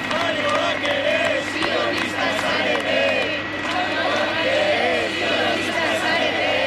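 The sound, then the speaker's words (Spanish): Several dozen flotilla supporters shout slogans in unison, ending a declaration read in Basque by the flotilla's spokespeople: voices rise and fall in repeated rhythmic chants over a steady dense roar, loud and continuous throughout. “Con estos gritos ha acabado una declaración leída íntegramente en euskera por los portavoces de la flotilla, arropados por varias decenas de simpatizantes”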